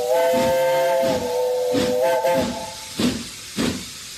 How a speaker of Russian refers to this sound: И как-то совсем иначе, радостно и как будто испуганно, звонко крикнул паровоз, трогаясь в путь.